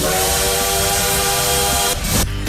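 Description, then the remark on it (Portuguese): A loud, sustained high-speed bullet train whistle blares steadily with a broad hissing rush beneath it, then cuts off near the end as the rumbling roar of the passing train continues. “Que coisa boa, retornando pra capital da rotatória no trem-bala.”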